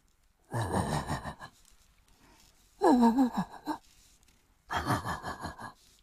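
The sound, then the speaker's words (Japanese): A man's voice imitates a large dog barking in the distance in a residential area late at night: three low, breathy, drawn-out woofs, each lasting about a second, separated by short pauses. “あ、これはね、深夜に住宅街で遠くから聞こえる、小型犬と大型犬っていうネタがあるんですけど、いいですか、やって、うん、 はい、 はい、じゃあちょっと BGM を消していただいてですね、いきます。”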